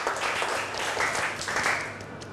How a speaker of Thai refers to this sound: ขอตัวแทน1คนขอตัวแทน1คนโอเคปรบมือให้เพื่อนก่อนเร็วๆถือว่าเป็นผู้กล้า